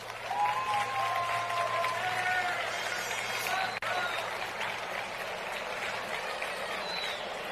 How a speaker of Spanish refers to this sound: Un fuerte aplauso.